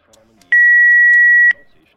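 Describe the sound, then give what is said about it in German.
A single loud, steady electronic beep from a mobile phone lasts about a second, clear, with faint background murmur before and after. “Ach komm mit, du Scheiß-Telefon! Klappe auf!”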